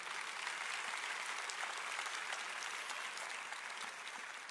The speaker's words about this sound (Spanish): ¿Lo crees? Puedes dar un aplauso si es así.